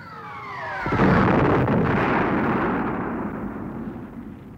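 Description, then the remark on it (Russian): A descending whistle of an incoming shell ends in a loud, close explosion at about one second as it strikes hard ground at night, followed by a long rumbling roar that slowly fades. No voices are heard. “Как караван теней брели бойцы с ящиками на плечах, падая всякий раз, когда поблизости в твердый грунт врезался снаряд.”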